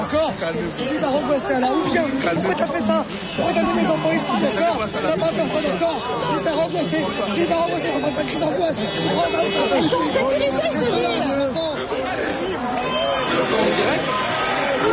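crowd chatter

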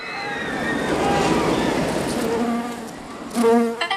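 bee buzzing sound effect

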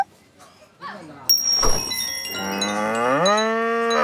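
cow mooing

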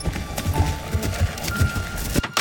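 horse hooves clip-clopping past

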